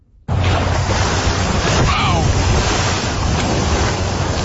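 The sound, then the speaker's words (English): A loud, steady rush of churning ocean water and wind noise as an orca breaches, recorded by a man from North Vancouver, British Columbia, with a brief swell of splashing midway through that fades back into continuous surf. “This is audio of a North Vancouver man who recently captured a orca breaching.”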